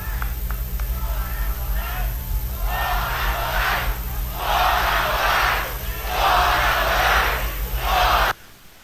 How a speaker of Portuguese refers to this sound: Nesse momento agora, a plateia fazendo o coro de Fora Lula.